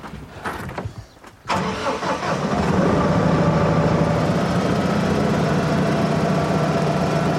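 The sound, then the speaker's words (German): A compact tractor's heavy engine cranks for about a second and a half, catches with a loud burst, then settles into a steady, throbbing idle without pause, during a training session on hitching the tractor to a trailer. “Die erste Aufgabe der heutigen Schulung, den Traktor mit dem Anhänger verbinden.”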